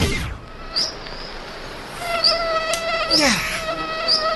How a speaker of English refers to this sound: This portion of summer brought to you by mosquitoes.